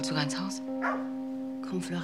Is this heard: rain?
no